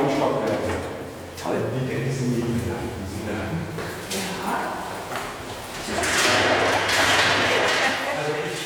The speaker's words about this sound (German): Tür zu? Tür zu, ja.